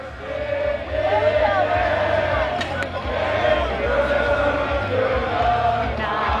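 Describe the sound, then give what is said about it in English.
A large outdoor crowd of visitors and locals at the inaugural Deer Valley Fox U.S. Open mountain bike race roars and cheers steadily, with sharp metallic clanks of cowbells ringing out now and then through the dense wall of voices. “The crowd drew visitors and locals, ringing cowbells, cheering loudly, and singing songs, including the national anthem.”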